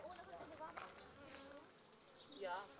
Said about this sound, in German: Ebenfalls eine Mutprobe, an einem Bienenstock mit 20.000 Bienen herantreten. Nicht in Panik geraten. Ganz ruhig.